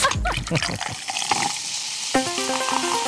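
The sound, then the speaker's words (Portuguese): Tonic water is opened with a sharp crack and hiss, followed by liquid pouring and fizzing, with a short musical jingle starting partway through. “Abre água tônica.”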